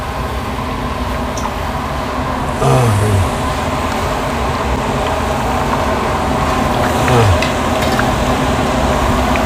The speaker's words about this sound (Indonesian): Pertama, goreng setengah matang. Selanjutnya, setelah terkumpul banyak, keripik paru digoreng kembali bersama-sama dalam 1 wajan sehingga matang bersamaan.